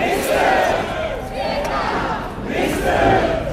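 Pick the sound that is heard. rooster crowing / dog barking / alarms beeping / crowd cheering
crowd cheering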